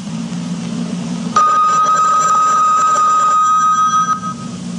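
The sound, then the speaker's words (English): A single bright bell strike marking the top of the hour rings out after a low steady hum, its clear tone sustaining for about three seconds before fading. “At the sound of the bell, it's the top of the hour, and it's time for Tom Call Theater.”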